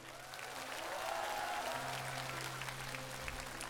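An audience applauds steadily, a dense wash of many hands clapping at an even, sustained loudness for the whole stretch, with a low background hum underneath and no voices.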